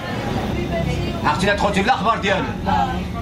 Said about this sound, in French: Dans ce bus, quelques habitants parlent en arabe à une enfant de 14 ans, arrivée seule. Elle s'est échappée de chez elle.